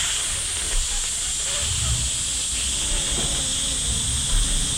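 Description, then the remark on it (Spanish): A pressure cooker's valve hisses steadily with a continuous, high, airy rush of steam that holds level for the whole stretch, with faint low rumbles and murmurs underneath. “Cuando el pito de la pitadora está malo.”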